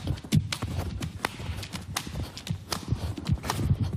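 Nuts being cracked in quick succession by a man sitting on them with his buttocks as a record feat: a string of sharp, dry cracks and snaps at an uneven rhythm, each with a dull thud underneath, fairly loud and with no talking.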